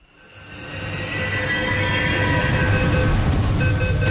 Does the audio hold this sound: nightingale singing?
no